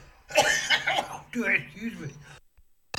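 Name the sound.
cough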